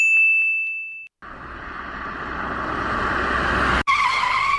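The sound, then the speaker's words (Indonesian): A short ringing ding, then a loud screech of car tires skidding for about two and a half seconds as the car nearly hits a motorbike riding against traffic, rising in intensity before a brief break and a final burst of squealing. “Astagfirullah, hampir kita menabrak. Iya Bella, gara-gara itu motor.”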